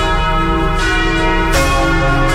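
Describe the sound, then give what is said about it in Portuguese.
Church bells ring loudly and continuously, heard over the radio in Jequié at 11:46, their rich overlapping tones sustaining while fresh strikes land about every second, with no voices present. “Preste atenção, aumenta o volume do rádio, vamos ouvir os sinos.”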